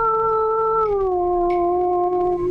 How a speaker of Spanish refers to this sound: Y los perros ladrando, y se escuchaba que se veía.